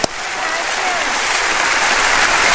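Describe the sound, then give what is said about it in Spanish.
An audience breaks into steady welcoming applause for the speaker's wife, a dense wash of clapping that swells slightly and holds for a few seconds, loud, with no talking over it. “a quien yo pido que le den un aplauso de bienvenida.”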